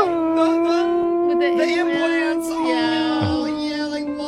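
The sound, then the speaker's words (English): A person imitates a wolf puppy howling, holding one long, steady, slightly wavering note for about four seconds, fairly loud with nothing else behind it. “Or a dyslexic wolf puppy learning how to howl.”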